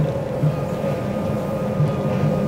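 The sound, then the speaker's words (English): A steady, muffled rumble of a moving passenger train heard from inside the club car, the last car of one section of a two-section train, with a low droning hum and faint rhythmic rattles throughout, no voices. “That's the last one of this particular train. There are two sections of train.”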